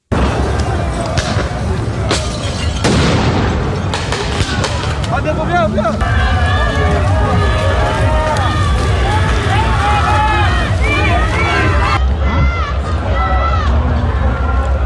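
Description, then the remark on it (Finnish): A chaotic street protest against the G7 summit in Geneva, Switzerland, with protesters clashing with police: a dense crowd shouting and yelling, several sharp, loud bangs in the first few seconds and a steady roar of agitated voices throughout. “Tänään alkavaa G7-kokousta vastustaneet mielenosoitukset yltyivät nujakoinniksi Genevessä Sveitsissä eilen.”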